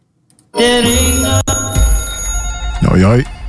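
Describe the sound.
A loud bell rings continuously for a few seconds with a bright, sustained metallic tone, with a brief gap, and a voice briefly rises over it near the end.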